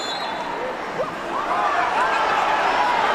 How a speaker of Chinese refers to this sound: 现场响起了中国观众为姑娘们加油的声音。